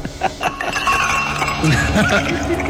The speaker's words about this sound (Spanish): Con los vasos. Estamos, con los vasos, sí, está con los hielos y los vasos.